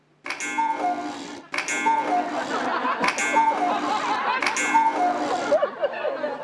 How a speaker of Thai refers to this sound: นาฬิกากู้ๆดังขึ้นได้ยังไงอ่ะ